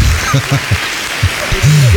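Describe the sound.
An audience applauds a band in a dense, even wash of applause that fills the whole two seconds, while a man's voice speaks loudly over it.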